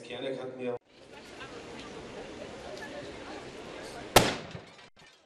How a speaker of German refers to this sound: Kurz nach der Mittagszeit sorgte eine Explosion für Aufsehen.